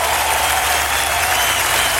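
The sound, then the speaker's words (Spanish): Loud, steady applause for the Lord from an audience, a dense wash of many hands clapping continuously with no pauses and no voices standing out. “démosle un aplauso al Señor fuerte.”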